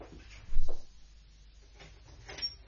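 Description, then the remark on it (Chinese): A door being opened for visiting neighbours: a fairly loud clunk of the latch and handle, followed by a softer rattle as it swings, with no voices. “唔该你开门啦”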